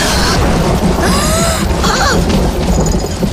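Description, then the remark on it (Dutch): A loud clap of thunder rolls into a heavy, continuous rumble that fills the whole moment, with a few faint higher tones drifting over the roar. “Oh, dat is onweer.”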